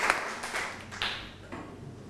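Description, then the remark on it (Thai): Soft, scattered hand claps from a group of students in a class, applauding the representatives about to present as the first group, arriving in a loose, roughly steady rhythm about every half second, fairly quiet, with no voices over them. “กลุ่มแรกขอเป็นกลุ่มวันสงกรานต์ก่อนนะครับนักเรียนต้นทางครับปรบมือให้กับตัวแทนที่จะออกมานำเสนอเป็นกลุ่มแรกด้วยครับเชิญครับ”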